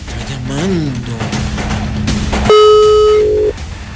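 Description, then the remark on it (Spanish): A telephone ringback tone on an unanswered call: a low steady tone runs under murmuring voices, then a loud, bright electronic ring sounds for about a second before cutting off. “dos tonos más y le colgamos también. Un tono más y la misma historia.”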